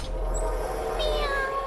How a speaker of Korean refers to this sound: 미야옹. 고양이 소리다. 네 번째 문에서 고양이 꼬리가 나왔어.